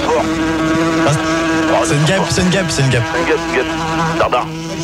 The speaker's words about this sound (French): c'est une mouche. Elle revient. Au standard. Ferme la porte. Elle revient, ferme la porte.